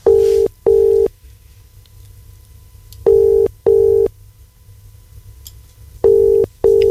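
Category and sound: signal or alarm, telephone call ringing tone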